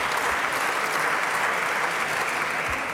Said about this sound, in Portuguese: As ruidosas palmas do PSD, esta afirmação de Palma Ramalho.